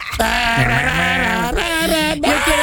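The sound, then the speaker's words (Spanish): A person imitates a goat's cry with a loud, quavering bleat that wobbles in pitch, stretched over about two seconds and broken into a few wavering bursts. “El grito de los chivos.”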